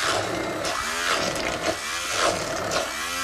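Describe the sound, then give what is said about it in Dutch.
A blender grinds well-cooked chickpeas, drained but left with a little liquid, with a loud, steady motor roar whose pitch repeatedly sags and climbs as the thick mixture churns. No one speaks. “Kijk, dat is bijna gedaan. Het zal er wel nog een keer goed in rondgaan, dus dat er geen stukjes meer”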